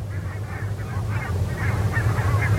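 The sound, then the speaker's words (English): A flock of geese honks continuously as they come down onto a field, many overlapping calls rising and falling over a steady low rumble, with no talking. “Sometimes it's completely black and gray with all the geese on the fields.”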